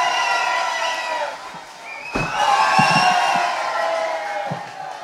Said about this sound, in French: Mais applaudissez-le! Mais il n'attend que ça!